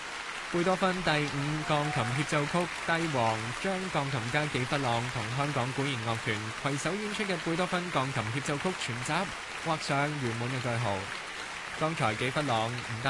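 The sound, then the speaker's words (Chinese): Steady, dense applause from a large audience at the Hong Kong City Hall Concert Hall, after Beethoven's Piano Concerto No. 5 with the Hong Kong Philharmonic Orchestra, welcoming pianist-conductor François Frédéric-Guy back on stage, crackles under a man speaking continuously, the clapping holding an even, rain-like texture throughout. “热烈嘅掌声，欢迎纪弗朗再次出场。”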